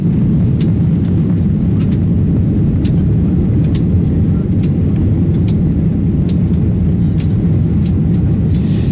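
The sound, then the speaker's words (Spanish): A steady, loud low-frequency roar fills the whole recording, like a jet engine heard from inside the cabin of an Iberia airliner flying to Montevideo, with faint clicks and ticks scattered on top and no one speaking. “Pero antes vais a dejar que me suba de nuevo un avión de Iberia, vamos camino de Montevideo”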